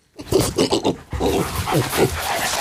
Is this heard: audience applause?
no